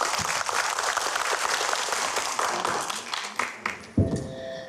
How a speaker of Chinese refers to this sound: 大家掌声有请。